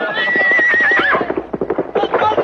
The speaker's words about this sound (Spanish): montado en su caballo, arremete estrepitosamente